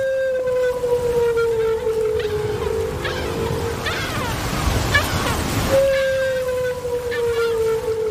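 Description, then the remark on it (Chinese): Long, drawn-out humpback whale calls picked up underwater by a hydrophone and played through a speaker: two sustained tonal moans with rich harmonics that slowly slide downward in pitch, separated by a burst of hissing, rushing water noise. “丽萨的水听器捕捉到了大赤鲸在水下的叫声，扬声器中传出了大赤鲸悠长的叫声。”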